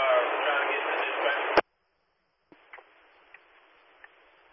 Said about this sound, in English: It's just a bunch of static, over.